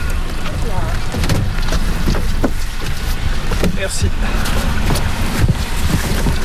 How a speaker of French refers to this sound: Et puis là on s'en va donc les déverser dans le lac d'Ourthain. Donc il y a deux bateaux, un bateau avec les civelles qui est en train de partir et nous on monte sur un autre bateau avec les pêcheurs locaux pour les suivre.